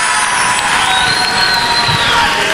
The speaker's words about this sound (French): sous vos applaudissements